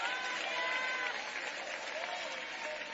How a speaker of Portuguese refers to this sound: Aplaude a Ele, glorifica. Você que anda com Ele, dê glória.